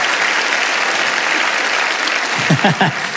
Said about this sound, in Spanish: Alguien tiene que aplaudir más que eso si lo crees de verdad, ¿sí o no?